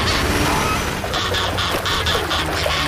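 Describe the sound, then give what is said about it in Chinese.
A group of swans honks in a rapid series of loud, nasal calls that overlap and repeat over a busy, noisy background, with no one talking. “充气天鹅推得更远了， 我想他们是想保护它，他们以为那是真的天鹅。”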